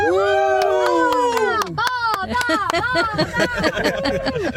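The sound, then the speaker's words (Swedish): A small group, adults and children, cheer and whoop together loudly and excitedly inside a car on its way to go swimming, with a few claps mixed in, sustained over several seconds. “Men kan vi inte jubla lite grann tillsammans så man hör att det här är en badbil på väg?”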